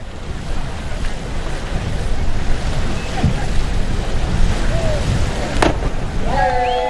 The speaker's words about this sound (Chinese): 虽然没有第一时间从侧方向来关注选手的入水角度，但是从水花的溅起方向来看啊，在垂直度方面还是出现了一些扣分的点。